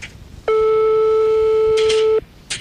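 A telephone line tone sounds as a single loud, steady, low-pitched hum lasting almost two seconds, followed by brief bursts of hiss against quiet background noise.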